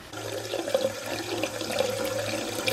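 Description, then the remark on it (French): Water runs steadily from a tap opened in a laundry room to make the water meter turn, a continuous hiss and splash with a low hum beneath, moderately loud throughout with no voices. “Et puis, si on ouvre un robinet, il y a une buanderie. Tu arrives à ouvrir un robinet?”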